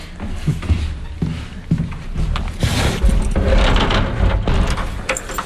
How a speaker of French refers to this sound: Et fermez bien avec la porte.